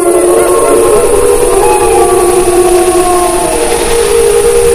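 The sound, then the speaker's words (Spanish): A pack of wolves howl to one another in a sustained chorus, their long, overlapping cries sliding slowly up and down in pitch over a steady hiss, loud throughout with no pauses. “Sí, claro, las manadas, los lobos. Bueno, ya hablaremos de eso más adelante, pero los lobos aullan entre ellos, ¿no?”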